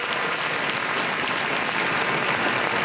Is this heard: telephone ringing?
no